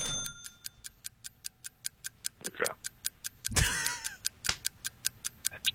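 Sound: clock ticking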